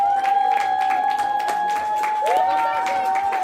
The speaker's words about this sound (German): das gab ja richtig viel Applaus.